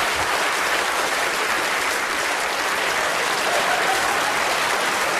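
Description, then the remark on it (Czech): Sustained audience applause greeting the mime and actor Bolek Polívka as he is introduced, a dense, steady wash of many hands clapping at an even loudness throughout, with no voices standing out. “A víte, pan domácí má starost, aby měl větší potlesk než Radek.”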